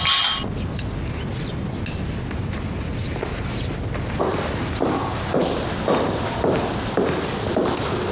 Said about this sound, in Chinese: 来，我提议为抗战胜利做出贡献的女英雄们，也就是咱们自己，干一杯。 来，干杯，干杯。